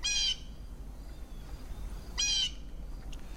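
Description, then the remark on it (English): Two brief, high-pitched calls of orcas off the coast of Vancouver, recorded by Paul Spong, each a bright harmonic squeal, separated by a couple of seconds of quiet, over a constant low rumble and hiss. No one speaks. “I do believe those were the same whales off the coast of Vancouver starting in the 80s.”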